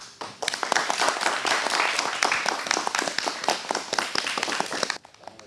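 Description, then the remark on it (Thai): Thai Mathayom 1 (first-year secondary) students applaud themselves after their class performance of traditional Thai dance, a dense, steady patter of many hands clapping at once, fairly loud and sustained for about five seconds before tapering off abruptly near the end. “ก็วันนี้นะคะการแสดงของนักเรียนนะคะครูก็ขอชื่นชมขอปรบมือแล้วก็ให้นักเรียนปรบมือให้ตัวเองอีกครั้งหนึ่งค่ะ”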